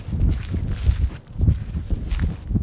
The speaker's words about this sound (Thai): มองผิวเผินเหมือนหาดทรายธรรมดาแต่ว่าถ้าลงมาเดินแล้วเนี่ยก็จะรู้ว่ามีสิ่งที่แตกต่างความรู้สึกสัมผัสที่เท้าเนี่ยเราจะได้ยินเสียงเลยกรอบแกรบกรอบแกรบ